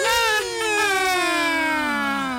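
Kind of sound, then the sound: vehicle, ambulance siren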